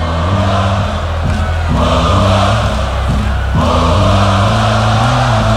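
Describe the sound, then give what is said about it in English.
A huge festival crowd at Tomorrowland cheers and shouts nonstop, a loud, dense roar of many voices that surges in waves over a pulsing, tonal backdrop. “Everybody now. Okay. That's right. A little bit louder.”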